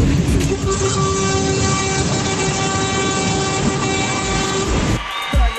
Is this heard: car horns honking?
yes